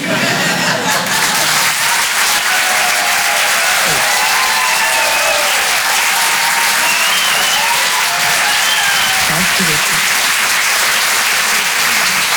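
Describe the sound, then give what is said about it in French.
Sustained, loud audience applause fills the whole stretch, a dense steady wash of clapping from a sizable crowd at the Rire et Chanson Comedy Club at the Apollo Théâtre after a comedian's set, with a few faint voices and cheers mixed in. “Bravo, on peut l'applaudir très très fort, s'il vous plaît”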